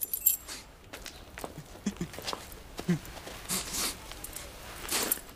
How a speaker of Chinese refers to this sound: 不就是钥匙？来来来来，拿去。